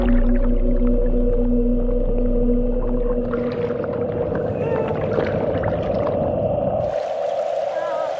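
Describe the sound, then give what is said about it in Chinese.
A harbor seal pup calls for its mother along the coastline in long, sustained, wavering cries with a steady mid pitch, loud over a low watery rumble that drops away near the end. “港海豹妈妈终于听到了幼崽的呼唤，就在身体接触到的那一刻，这对母子马上认出了彼此。”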